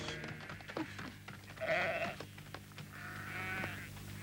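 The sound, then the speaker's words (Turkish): A goat bleats twice, a wavering, quavering cry followed by a longer, steadier one, clear over a low, constant background rumble. “Gördün mü benim kara keçiyi kaybetmişim?”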